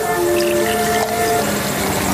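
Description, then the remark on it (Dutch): Wine pours steadily into a glass in a village on a hill after dark, a continuous liquid gurgle with a faint ringing tone that shifts as the glass fills, with no voices. “We schenken een glas wijn in.”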